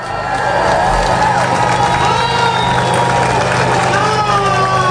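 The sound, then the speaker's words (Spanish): A large crowd at the Gibraltar border crossing cheers and shouts continuously at midnight as the border agreement takes effect, with many overlapping voices at a loud, steady level and a low engine rumble running underneath. “Así que no es de extrañar que a las 12 de la noche, al entrar en vigor el acuerdo, la reacción fuera esta.”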